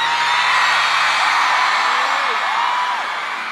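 A crowd applauds and cheers in a loud, dense, steady roar for a few seconds, with scattered whoops and yells rising above the clapping before it eases slightly at the end.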